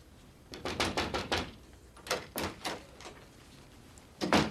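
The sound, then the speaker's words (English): Someone knocks on a door in two quick rounds of sharp raps, about five and then four, followed by one last heavier knock, all clear with no talking. “knocked on my door.”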